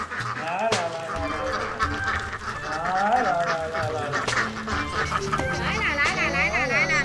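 A man calls out repeatedly in drawn-out, sing-song cries while a large flock of ducks quacks busily and continuously, their chatter loud and overlapping throughout. The ducks' owner calls them, and the ducks come toward him for their lunch.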